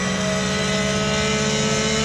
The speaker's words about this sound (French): Mais quel moteur! Quel moteur! Écoutez-moi ce son!